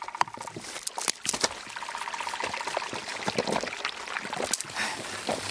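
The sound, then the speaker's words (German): Water of a brook trickles and splashes steadily over stones, with irregular bright gurgles and drips over a continuous watery rush. “Mir folge dem Bach.”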